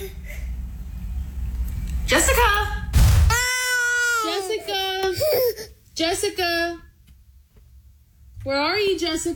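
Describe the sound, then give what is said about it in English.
A young child cries loudly in a series of high, strained wailing bursts separated by short pauses, with a sharp noisy thump early in the crying. “And they stop bloody crying, don't they?”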